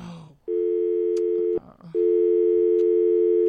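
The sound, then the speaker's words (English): A steady telephone busy tone, after a call drops during a radio phone-in, sounds loudly in two long pulses, about a second each, separated by a brief gap with faint background noise, following a short muffled moment at the start. “It seems like there's an issue with the phone.”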